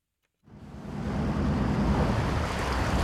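After a brief silence, a small coastal fishing boat's engine starts before sunrise in Mecklenburg-Vorpommern, Germany, and keeps running steadily as the boat heads out to sea. Its low churning drone is mixed with rushing water and wind, loud, with no voices.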